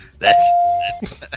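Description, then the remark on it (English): A single electronic beep sounds, a steady mid-pitched tone held for most of a second at fairly loud volume, after which people start talking. The beep repeats every 8 seconds. “You hear that beep every 8 seconds, don't you?”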